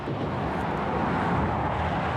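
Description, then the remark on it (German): A loud, steady rushing roar of motorway traffic at a short roadworks section with the speed limit reduced to 80 km/h, many cars speeding past faster in a continuous wash of noise with no pauses and no voices. “Viele rauschen schneller vorbei. Es ist laut.”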